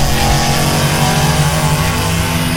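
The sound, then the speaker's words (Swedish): A go-kart engine revs loudly, a steady buzzing drone with layered tones that holds for a couple of seconds, with no voices. “Go-kart, nöjet för alla.”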